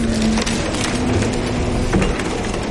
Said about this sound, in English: This is what it sounds like when a destroyed house is loaded into a dump truck.